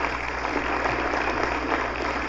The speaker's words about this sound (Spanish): Fuerte aplauso a los dos campeones.